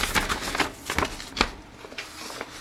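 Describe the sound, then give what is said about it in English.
Paper pages rustle and shuffle in a quick, irregular series of crisp bursts, with several sharper flicks as sheets are turned. No one speaks. “Hang on, while I change pages again. There's a lot of paper here today.”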